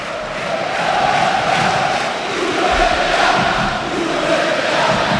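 A large football stadium crowd in the stands shouts and chants in unison against the club president, the first such shouts, about five minutes in. A loud, sustained roar of many voices with a steady pitched drone and gentle rhythmic swells, no single voice standing out.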